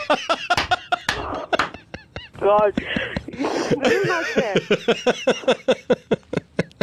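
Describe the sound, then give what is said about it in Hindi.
People talk and chuckle while a voice imitates a rooster crowing ("kukduku") on the Radio Mirchi prank-call segment Mirchi Murga, a loud drawn-out warbling cry in the middle of the chatter, followed by quick rhythmic vocal bursts. “मेरे साथ प्यार से कह दो एक बार, कुकुड़ुकु.”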